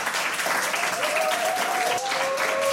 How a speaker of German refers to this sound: Ist immer so schön mit Publikum. Weißt du, sonst im Radio applaudiert ja sonst keiner, finde ich ganz toll.